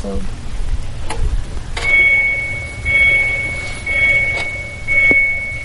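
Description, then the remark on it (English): An electric car's reversing warning sounds: a steady, high-pitched electronic tone pulsing in about four even swells roughly once a second, over a low background rumble. “Sounds like a truck backing up.”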